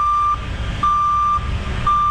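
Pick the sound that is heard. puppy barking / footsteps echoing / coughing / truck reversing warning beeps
truck reversing warning beeps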